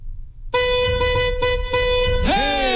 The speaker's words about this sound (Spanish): si tocan el claxon así, significa que alguien cerca de ustedes está escuchando el programa también